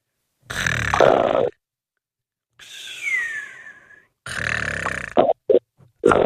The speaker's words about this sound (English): Is he snoring?